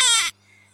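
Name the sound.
baby crying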